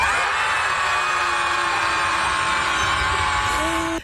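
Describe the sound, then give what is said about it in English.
A group of people on a jetty scream together after a 3, 2, 1 countdown in one loud, sustained burst lasting about four seconds, many voices overlapping into a dense wall of sound before cutting off abruptly. “Just scream.”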